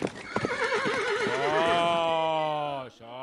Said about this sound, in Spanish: ¿No sacaste ni a los caballos? Tienes ahí, alborotados, tío, de que no los sacaste ni un día. Maldita sea, probes caballos.